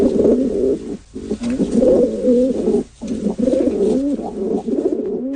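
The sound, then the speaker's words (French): Pigeons cooing continuously, a layered, throaty burbling with short pauses near one and three seconds, several birds overlapping with no voices present. “On a toutes sortes d'opinions par rapport aux pigeons.”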